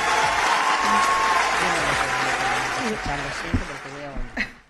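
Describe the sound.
An audience applauds with steady, dense clapping that gradually thins out, while voices murmur and talk underneath toward the end.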